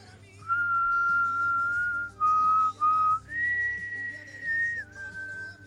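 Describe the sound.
A person whistles the Ave Maria melody alone, the typical whistle of a doctor: slow, sustained, clear notes rising and falling with a few brief breaths between phrases, fairly loud over a faint low hum.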